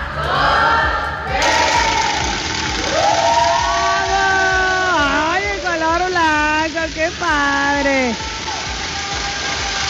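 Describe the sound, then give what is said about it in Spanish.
A family shouts and cheers excitedly as their new Kia car is unveiled on a count of three, with long, wavering, rising-and-falling yells overlapping one another against a steady hiss of background noise. “Miren, escuchen, a la cuenta de tres se va a hacer el destape del coche nuevo.”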